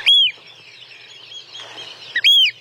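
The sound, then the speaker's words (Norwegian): A Eurasian oystercatcher gives loud, piercing piping whistles, one at the start and another at the end, with softer calls trailing in between. No voices. “Der hørte du kjellen, og så var det jo den som hadde litt sånn sjølysens langt, oransje nebb.”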